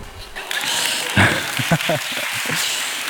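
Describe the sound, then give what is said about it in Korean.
An audience breaks into steady applause for a speaker who has just said he came from the United States, a dense, even clatter of clapping hands that holds for about three seconds, with brief voice-like sounds poking through underneath. “미국에서 온 것만으로 박수를 받는 곳이군요.”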